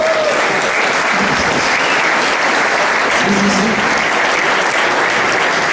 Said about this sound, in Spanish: Es importante, podéis aplaudir si queréis.